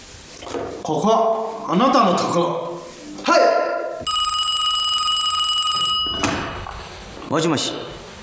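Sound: telephone ringing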